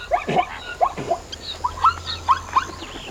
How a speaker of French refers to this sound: Dans la savane, il y a plein d'animaux. Il y a des zèbres avec leur pelage rayé et leurs drôles de cris. Écoute. Tu entends ?